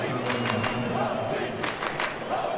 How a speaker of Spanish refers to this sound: Se grita en Kansas, se aplaude, responden los suizos, cantan los argentinos.